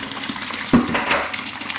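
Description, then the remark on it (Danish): Raw apple juice (most) pours steadily from a spout into a glass, a continuous splashing trickle with a brief louder gush partway through, heard on its own without talking. “Ja, og stikke den ind under tud der.”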